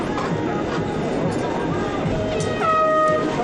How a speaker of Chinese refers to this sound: 好的，发令汽笛鸣响，比赛开始啊！